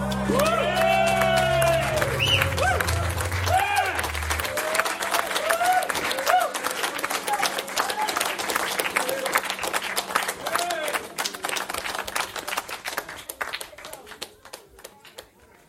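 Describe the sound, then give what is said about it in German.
A crowd of people standing outside a studio, listening through an open window, claps and whoops loudly at first, then the applause gradually thins out into scattered, fading claps until only a few stray hand claps remain at the end. “Oh, cute, wie der Applaus ausgeplätschert ist.”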